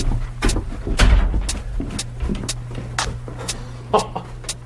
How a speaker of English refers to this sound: You can pull that door closed if you like.